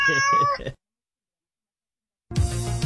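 A cat gives one loud, drawn-out meow, followed by a pause of silence and then a burst of rough, noisy sound.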